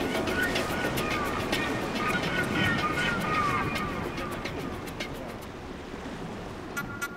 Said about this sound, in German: Wir haben hier Wellen von 3 bis 4 Meter Höhe. Wir haben Windstärken von 7 bis 8 Beaufort.